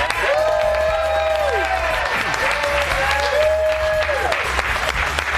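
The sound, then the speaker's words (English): A studio audience applauds steadily with scattered cheers and whoops rising over the dense clapping, loud and sustained throughout the short burst, welcoming Fox News anchor Chanley Painter onto the show. “Fox News crowd loves some Chanley Painter.”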